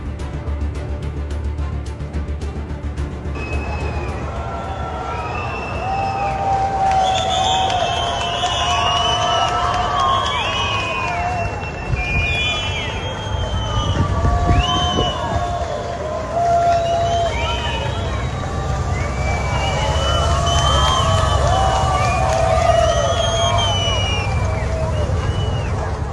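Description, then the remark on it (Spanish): A huge crowd inside the Santiago Bernabéu stadium whistles and jeers as it receives the players, countless shrill overlapping whistles swelling over a loud roar after a few seconds and staying intense and sustained to the end. “A mí sí que me parece llamativo que se le dé esa pitada al autobús.”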